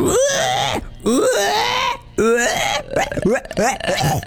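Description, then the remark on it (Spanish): A person imitates a pig in an imitation contest: loud, wavering squeals and strained grunts come in four or five bursts with brief gaps between them, whiny enough to sound like crying. “Es muy difícil hacer el cerdo, chico.”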